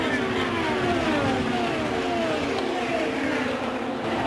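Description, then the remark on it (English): A pack of race cars running about five wide roars by at high speed heading into turn three, engines droning loudly and overlapping, pitches sweeping as they pass. “Jake Query, there's a gaggle of cars about five wide coming to three.”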